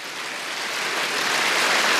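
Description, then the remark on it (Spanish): An audience claps for the Lord in a dense, steady wash of applause with no distinct individual claps, swelling slightly louder over two seconds with no voices. “Dele palmas al Señor.”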